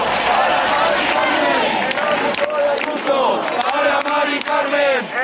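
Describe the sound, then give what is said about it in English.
A large crowd of protesters chants and shouts together in the street in Barcelona, calling for stronger tenant protections and a ban on evictions; a dense, loud roar of many voices with rising and falling cries and occasional sharp sounds like claps cutting through. “Crowds chanting there”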